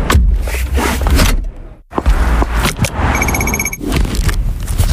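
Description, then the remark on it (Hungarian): A seatbelt buckling in a car, a crosswalk button press and a bicycle helmet strap fastening, heard as clicks and rustles over street and traffic noise, with a brief run of rapid electronic beeps from the crossing. “Annyira magától értetődő, bekötni magad a kocsiban, megnyomni az átkelő gombját, feltenni a sisakot bringázásnál.”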